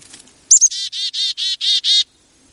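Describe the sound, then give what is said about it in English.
A chickadee gives its chickadee-dee-dee call: two quick, high notes followed by six harsh, buzzy 'dee' notes in a steady, even rhythm, loud and clear with nothing else underneath. “What you're really hearing him saying is chickadee-dee-dee.”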